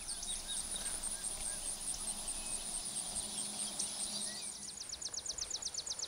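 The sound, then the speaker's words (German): A dense, steady chorus of insects buzzing and humming in an outdoor meadow, high and shimmering, with a run of rapid rhythmic chirps near the end and a few faint bird calls in the background. “es summt und brummt.”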